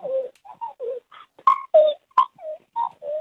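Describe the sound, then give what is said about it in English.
A caller imitates a magpie with a quick series of about ten short warbling, gurgling notes that jump up and down in pitch, delivered clearly with brief gaps between them. “We've got a late entry of a magpie sound.”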